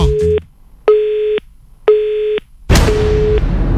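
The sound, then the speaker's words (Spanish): A disconnected phone line's busy tone after a woman hung up on the call: four evenly spaced electronic beeps, fairly loud, the last one half-buried under a sudden wash of static hiss. “La mujer le cortó el teléfono.”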